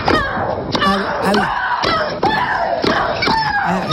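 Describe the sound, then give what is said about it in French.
Russian tennis player Maria Sharapova lets out loud, drawn-out shrieks again and again while playing tennis, each one bursting out with a sharp impact as she grunts on every stroke, with faint crowd noise behind. “Oui, alors celle que vous entendez, c'est la russe Maria Sharapova qui joue au tennis.”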